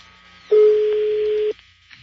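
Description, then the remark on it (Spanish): A phone line rings out on an outgoing call to a stepson's phone: a single steady ringback tone lasting about a second, clear and fairly loud, with only faint line hiss before and after. “Está sonando el teléfono ya del hijastro.”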